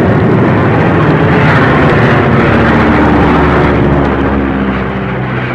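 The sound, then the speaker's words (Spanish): A small propeller plane's engine drones steadily and loudly as it flies through a hurricane-force storm of wind and rain with lightning, its low harmonic hum buried in a continuous roar of rushing wind and storm noise, with no voices present. “La pequeña avioneta se perdía entre aquel mundo de viento y lluvia huracanada, y los reflejos de los relámpagos encendían de blanco los nubarrones.”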